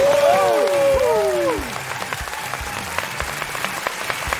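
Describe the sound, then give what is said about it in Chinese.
A television show audience on Tianjin TV applauds to welcome the famous actor Yu Entai as guest, with dense, crackling claps throughout, opening with a brief swooping tonal flourish over the clapping before it settles into a slightly quieter, even applause. “我们有请我们今天嘉宾，著名演员郁恩泰老师，掌声有请。”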